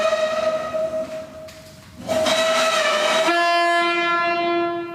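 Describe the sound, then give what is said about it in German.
A loud, sustained ship's horn blast with a rich, buzzing tone that drops to a lower pitch partway through and holds steady before ending, a signal meaning 'attention, we are coming', sounded at the German Maritime Museum. No one speaks over it. “Sehr, sehr deutliches Signal war das.”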